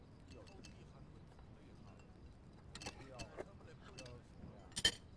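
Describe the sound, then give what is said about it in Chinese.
Keys clink as they are handed back, in a few quick metallic jingles, a cluster in the middle and one sharper jangle near the end, over a low murmur of background voices. “钥匙还你，咱们两清了。”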